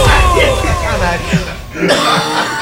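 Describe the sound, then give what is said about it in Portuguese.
A loud cough from a sports commentator bursts out amid voices and light laughter, rough and breathy, with a brief pause before more vocal noise follows. “E com você e ao meu lado, o comentarista que não foge da tosse,”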